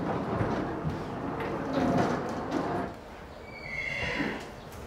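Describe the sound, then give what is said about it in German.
An older Friesian mare, a patient awaiting veterinary examination for suspected stomach problems, snorts and breathes noisily amid stable rustling, then lets out a short, high-pitched whinny near the end, with no one talking. “Die nächste Patientin wartet schon. Eine ältere Friesenstute mit Verdacht auf Magenprobleme.”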